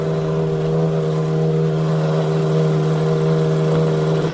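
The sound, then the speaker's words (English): Race car engines at the start of the 80th Indianapolis 500-mile race run together in a loud, steady droning hum with a strong low pitch and buzzing overtones, holding level throughout without revving up or down. No one speaks. “We have word that the drivers have been ordered to stop their engines.”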